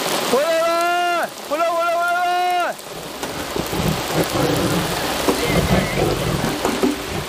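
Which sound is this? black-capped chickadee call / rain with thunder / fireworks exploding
rain with thunder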